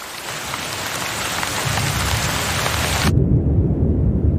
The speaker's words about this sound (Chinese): 12月，短暂的降雨让气温凉爽不少。